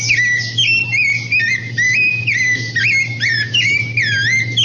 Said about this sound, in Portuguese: Eu quero saber que passarinho que é esse que tá cantando aí, ó. Escuta, escuta. Ó. Escuta, escuta, escuta. De novo, ó.